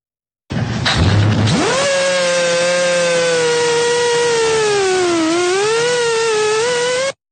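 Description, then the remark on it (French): A Russian military drone in flight in Ukraine: after a brief rough burst, a loud, steady buzzing whine rises in pitch, holds, dips slightly and climbs again for several seconds, with no voices. “Alors, je vous donne le contexte, ça se passe en Ukraine et l'appareil que l'on voit intervenir, c'est un drone russe.”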